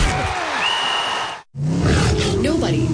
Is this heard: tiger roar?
yes